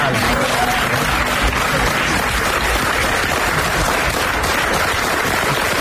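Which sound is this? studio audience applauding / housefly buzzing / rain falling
studio audience applauding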